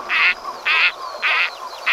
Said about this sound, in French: J'ai choisi un canard chipot.